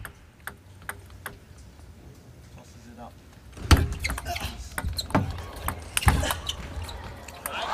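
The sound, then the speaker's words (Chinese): A table tennis rally in which Wang Chuqin's receive clips the net against Alamiyan: sharp, light ball clicks ticking back and forth at a quick, uneven pace, then a few louder hits over a swell of arena background noise. “这分接发啊，王楚钦接了一个滚网，第一时间也向对手举手表示歉意。”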